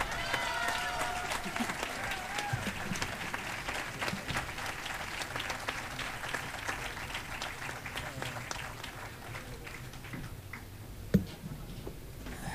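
An audience claps steadily for about ten seconds, a dense patter of many hands that gradually thins out, with a single sharp clap standing out near the end.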